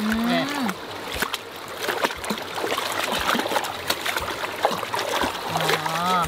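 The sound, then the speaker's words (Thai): Water splashes and trickles in uneven bursts as pounded chicken is washed in a hand scoop net, with a woman's voice talking briefly at the start and again near the end. “ที่เราเอาสวิงมานี่เขาไม่ได้ช้อนอะไรหรอกเรามาใช้ล้างไก่นี่แหละ”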